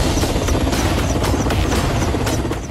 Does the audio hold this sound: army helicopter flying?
yes